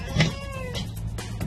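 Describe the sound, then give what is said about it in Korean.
A kitten named Bokdong, trapped inside a wall as its caretaker cuts a hole to reach it, meows in three or four short, high cries in quick succession, fairly loud and clear, with no one speaking. “분명 이 안에서 울음소리 났는데.”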